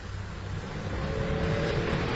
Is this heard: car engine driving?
yes